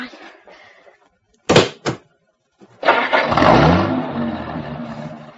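Two sharp car-door thuds, then a Cadillac's engine cranks and catches, rising into a loud, rumbling rev that settles into a steady idle. Some faint talk is heard at the start.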